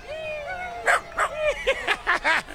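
A small dog named Moca, out with visitors from Israel in Times Square, whines, then lets out a quick series of about half a dozen high, sharp yapping barks in close succession, clear against a quiet street background.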